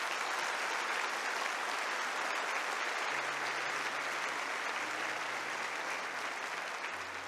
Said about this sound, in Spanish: Aplauda a Dios por eso, aplauda a Dios por eso.